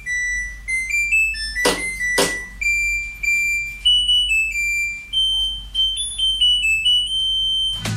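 A washing machine's end-of-cycle jingle: a string of clear electronic beeps stepping up and down in pitch like a simple tune, with two sharp clicks near the start over a low steady hum.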